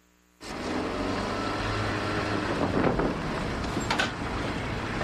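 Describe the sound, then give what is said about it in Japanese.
A Morris Mini car drives steadily with a low engine rumble and road and wind noise, starting abruptly after a brief silence and staying loud throughout, on a trip of about 1000 kilometres north toward Lapland. “さて我が家のモーリスミニで北の方へ1000キロばかり、ドーンと行こうぜ。”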